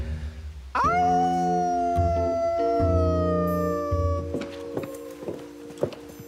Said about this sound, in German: Das war jetzt nicht wirklich ein Wolf, oder? Nee, einer war es nicht. Es waren mindestens zwei.